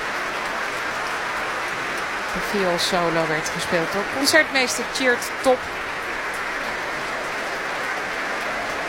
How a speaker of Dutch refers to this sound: En applaus voor de verschillende muzici van het orkest. Santo Matias Ruvaria liet een paar van hen al opstaan voor dit applaus.